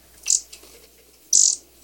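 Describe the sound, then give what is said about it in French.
A canary gives a few short, bright, high-pitched chirps in separate bursts with brief pauses between them, heard alone. “Elle proposa au petit de venir chez elle voir son canari.”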